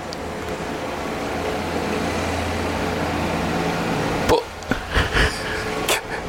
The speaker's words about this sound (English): I mean, that's a really loud... I mean, that is ridiculous, isn't it? What is that? Is that a tractor